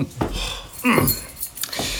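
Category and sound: household object, keys jangling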